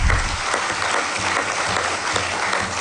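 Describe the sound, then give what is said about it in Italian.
Sustained applause of encouragement from an audience at the Italian Chamber of Deputies, a dense, steady patter of many hands clapping at an even volume throughout, with no speech over it. “Ecco qua, un applauso di incoraggiamento.”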